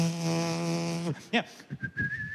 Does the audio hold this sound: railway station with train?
no